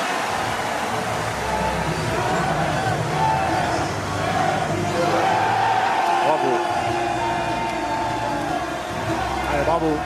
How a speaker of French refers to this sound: Monaco est donc le nouveau champion de France 2026. Applaudissements pour les